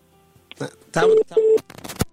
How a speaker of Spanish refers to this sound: Estamos con el teléfono y fatal, ¿eh? Estamos con el teléfono y que se nos corta la llamada, de verdad.